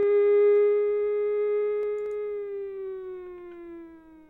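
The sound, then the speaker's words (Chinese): An air-raid warning siren wails in Hualien as traffic is halted, a steady, sustained tone, its pitch sliding slowly downward as it gradually fades over several seconds, with no talking. “当然，请大家听到防空警报之后，请立即进入就近的建筑物或者是防空避难设施，而且不要随意停留，不要随意围观，务必要配合警察及民防人员的引导。”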